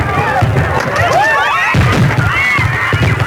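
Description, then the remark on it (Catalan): Fireworks from a display fired from the sea boom in several bursts a few seconds apart, heard over a continuous noisy crowd gathered on a beach on a Saturday night in the Valencian Country, with shouts and whistling voices. “El castell de focs artificials es disparava des del mar, però una carcassa pirotècnica es va desviar i va anar a parar al públic, que es concentrava dissabte a la nit a la platja.”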